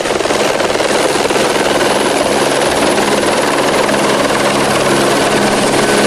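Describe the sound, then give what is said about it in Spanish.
A firefighting helicopter roars overhead while fighting a forest fire at Arroyo de San Serván, collecting water from the municipal swimming pool, its dense rotor chop and engine whine filling the air steadily and loudly for several seconds with no voices. “La piscina municipal del municipio tenía que ser desalojada para que los helicópteros del Perifoex pudiesen coger agua de este lugar.”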